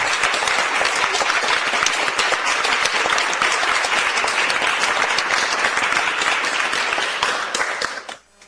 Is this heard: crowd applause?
yes